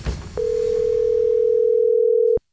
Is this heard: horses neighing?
no